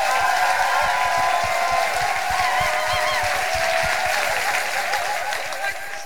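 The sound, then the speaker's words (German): Sustained applause from a large audience at the 24 Jahre Poetry Slam event in the E-Werk in Erlangen, thanking the host, dense rapid clapping with cheers and whoops riding on top, steady and loud for several seconds before easing off slightly at the end. “Und deswegen hätte ich gerne einen 12 von 10 Punkte Applaus”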